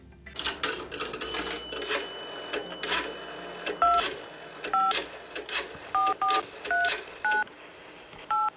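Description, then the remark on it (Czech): Touch-tone telephone dialing: after some clicks and a steady electronic tone, about nine short dual-pitched beeps are keyed in at an uneven pace, clear, with no one talking. “Sad ćemo u završnici emisije malo telefonirati.”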